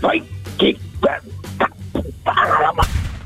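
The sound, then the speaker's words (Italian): A person imitates the barking of the talking dog Porco cane, loud short vocal barks in an uneven series of about six or seven, with a low steady hum underneath. “Vai, porco cane, fai bau bau.”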